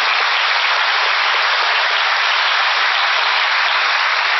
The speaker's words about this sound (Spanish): Un aplauso para el artista.